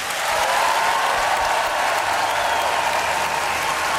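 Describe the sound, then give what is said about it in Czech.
A large audience at the Colors of Ostrava festival applauds steadily and loudly in a standing ovation for Czech President Petr Pavel, a dense wash of clapping that holds at full intensity for several seconds without pause. “Prezident Petr Pavel sklízí potlesk a zároveň i standing ovation.”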